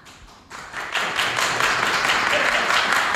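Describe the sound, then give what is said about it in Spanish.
An audience applauds to vote yes on whether José Mourinho should return to Real Madrid, a few scattered claps swelling within half a second into a dense, loud, steady wash of clapping that holds to the end. “¿Quién sí quiere, tiene que aplaudir, que vuelva José Mourinho?”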